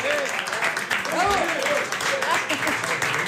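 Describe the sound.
Steady, dense applause from a crowd fills the whole stretch, loud, with cheering voices and shouts rising over the clapping.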